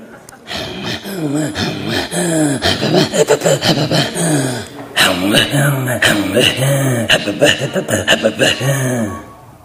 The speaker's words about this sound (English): It's the same sound, but only a half second off from each other, and that's how we can blend our voices. Throat singing comes from our voice, our throat, and our breathing.